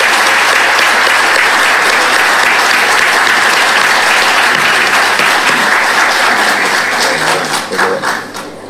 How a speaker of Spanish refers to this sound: Les pido un fuerte aplauso para ellos, para nuestros galardonados.